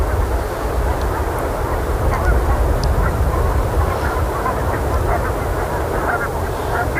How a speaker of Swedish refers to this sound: De rör sig hela tiden, gässen, fram och tillbaka. Ja, de flesta står nog här ute, men det står några på ett fält lite längre in från havet också.